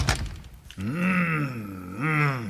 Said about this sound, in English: Come on in. Close the door, please.